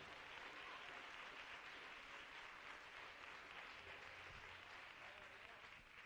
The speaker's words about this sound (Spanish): Dele un aplauso al Rey. Aleluya.